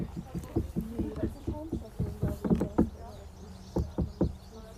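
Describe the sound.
A quick, irregular series of sharp knocks, like hands rapping on stone, fairly loud, with a brief pause before a few final knocks and voices murmuring faintly in the background; people knocking on the Löwenstein, a lion stone.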